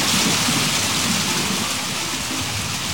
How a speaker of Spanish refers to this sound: Y no me tocó afortunadamente, pero de que está muy fuerte la lluvia aquí en Mayorazgo es un hecho. De hecho, hasta... Sí, así, no, más fuerte, está lloviendo.